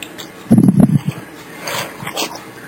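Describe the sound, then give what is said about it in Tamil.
A sniffer dog lets out a quick cluster of gruff barks, then trails off into higher, thin whimpering whines, with no one talking. “இல்லம்மா, இது வந்து ரெண்டு நாய் வரும், அஞ்சு எழுத்தம்மா.”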